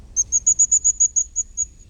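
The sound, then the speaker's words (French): A tit, a small blue bird with a yellow belly, sings a rapid series of about ten high, thin, evenly spaced notes that fade slightly toward the end, heard alone over a faint low rumble. “Est-ce que tu as reconnu ce chant? C'est un petit oiseau bleu qui s'approche en chantant. Il a le ventre jaune. C'est une mésange.”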